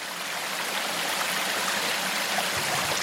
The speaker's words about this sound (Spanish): Estamos en la chorrera de calabazas, justo donde el agua salta varios metros al vacío para caer en una pequeña pocita.